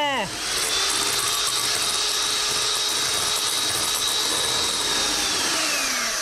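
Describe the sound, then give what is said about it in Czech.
A blender runs steadily, chopping up watermelon pieces with a small glass of water added, with a loud, continuous grinding whir and a faint rising whine as the motor starts. No one talks. “Naházíte kousky melounu do mixéru a přidáte ještě malou skleničku vody.”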